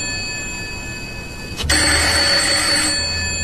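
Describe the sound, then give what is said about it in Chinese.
At night, a telephone bell rings steadily and continuously while a man is in bed, with no speech. Midway a sharp clunk sounds, after which the ringing grows louder and fuller over a low rumble. “一定是丽人打来的，除了他没人打这个电话。”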